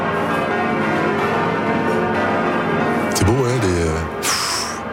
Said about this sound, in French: On va entendre les cloches de Notre-Dame.